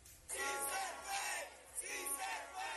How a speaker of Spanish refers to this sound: Aquí fue recibido por un grupo numeroso de simpatizantes que lo recibieron en medio de arengas y aplausos.